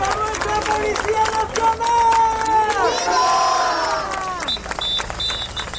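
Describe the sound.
A large protest crowd chants a slogan together in a rhythmic, sustained call, loud, with whistles and scattered shouts rising over the mass of sound.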